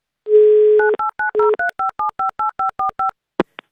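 A phone number being dialed by Avtoradio radio hosts calling a contest listener from Moscow: a steady low dial tone, then about a dozen quick touch-tone beeps in an even rhythm, ending with a short click. No one speaks.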